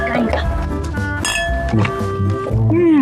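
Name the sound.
cups clinking together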